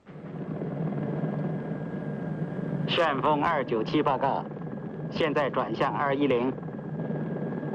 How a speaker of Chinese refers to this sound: 去追的直升飞机在哪儿？